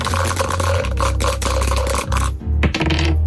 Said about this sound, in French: Dès que vous dites top et que vous lancez les dés. Top. Allons-y.